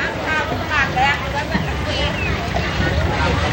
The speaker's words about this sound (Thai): นี่คือตลาดน้ำปากคลองโพหักในเขตเชื่อมต่อระหว่างอำเภอดำเนินสะดวกและบ้านโพหักอำเภอบางแพสถานที่ค้าขายผลิตผลต่างๆจากเรือสวนและบริเวณใกล้เคียงเรือต่างๆเหล่านี้จะนำของมาขายเฉพาะในช่วงเวลาเช้าเท่านั้น